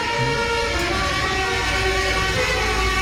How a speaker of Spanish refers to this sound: Bocinas alegóricas como esto que vamos a escuchar ahora, que como la cucaracha, por ejemplo.